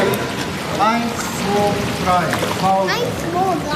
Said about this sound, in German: Acht Kinder haben sich auf den Treppen des Schwimmbeckens ausgestreckt. Ihre Hände ruhen auf einer oberen Stufe, die Beine strampeln im Wasser.